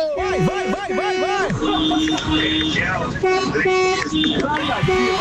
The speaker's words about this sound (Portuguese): Segura lá, aqui lá, mais uma buzina da Coffee Go.